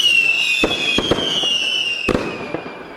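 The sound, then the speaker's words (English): A fireworks sound effect: a high whistling tone glides slowly downward while several sharp bangs and crackles burst at irregular intervals, loud, with no voices. “Someone said I should make a big thing of it, so I don't know, fireworks or something, I suppose.”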